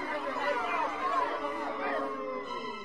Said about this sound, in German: Die Zuschauer wurden unruhig und laut, denn sie wollten das Stück zu Ende sehen. Aber kein Rufen und Schimpfen half. Die Vorstellung musste abgebrochen werden.